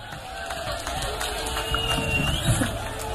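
An audience claps and cheers in a steady, dense wash of sound that holds at an even, moderate level for a few seconds, with no one speaking over it.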